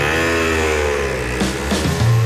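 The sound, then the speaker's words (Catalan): A loud motorcycle engine revs steadily for a couple of seconds, its throaty pitch wavering and dipping, with no voices over it. “En diuen revival perquè si en diguessin música de l'any de la Maria Castanya, et sentiries gran i et voldries comprar una moto.”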